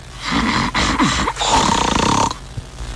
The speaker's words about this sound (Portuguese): Aquela unhinha pintada, mas ronca que nem um trator, né?